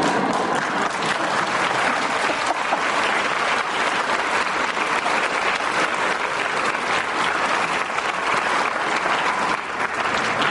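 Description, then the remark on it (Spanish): Sustained applause from a large audience fills the whole stretch, dense and steady clapping at a loud, even level with no talking over it. “Entonces yo conozco unos cuantos líderes de la evangelización, entre los cuales aprecio a mi querido amigo aquí presente, pero ya no le den más aplausos, por favor.”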